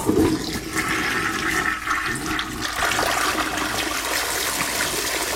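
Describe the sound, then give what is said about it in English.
A toilet flushes loudly, a long, steady rushing swirl of water that holds strong for several seconds without letting up, with no one speaking. “It's quite a long flush.”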